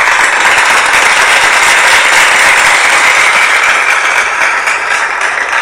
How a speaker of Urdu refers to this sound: انہیں تالیوں کی گونج میں خوش آمدید کہتے ہیں.